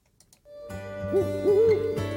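An owl hoots a couple of times, mid-pitched, the second call drawn out and wavering, over a steady droning tone in the background.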